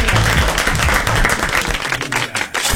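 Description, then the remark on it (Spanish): Loud, sustained applause from an audience, a dense wash of many hands clapping steadily for a few seconds with no one speaking over it. “Bravo, el aplauso. Bravo. Bien grande.”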